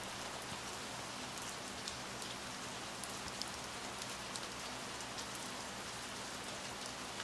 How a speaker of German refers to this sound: Draußen der Regen.